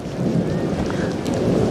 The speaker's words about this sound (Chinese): 下雨了。